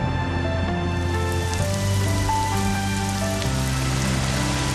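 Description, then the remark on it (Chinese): Steady rain pours down in a continuous, even hiss, moderately loud, with sustained musical tones playing over it throughout. “快下雨了，咱们回屋啊。”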